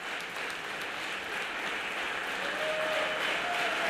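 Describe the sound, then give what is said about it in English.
A live audience applauds steadily on a 2013 live recording in Italy of Roscoe Mitchell on solo sopranino saxophone, dense overlapping claps at an even, fairly loud level throughout, with a faint thin held tone surfacing briefly toward the end. “There's a lot of applause on this track.”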